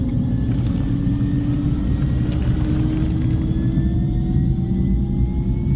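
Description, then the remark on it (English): A helicopter runs on the flight deck of the ship Healy, its heavy low rumble steady and loud throughout, with a thin turbine whine slowly climbing in pitch overhead. “Today, Jim LaVorne, a soft-spoken aquatic and marine ecologist from the University of Wyoming, is finally getting some helicopter time.”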